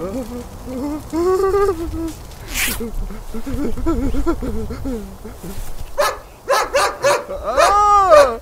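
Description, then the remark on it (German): A large German shepherd dog, having let go of a man, growls and snarls while standing in front of him, then breaks into a run of loud, sharp barks near the end, with whining, yelping tones in between. “Der Schäferhund ließ von dem Mann ab, blieb aber knurrend vor ihm stehen.”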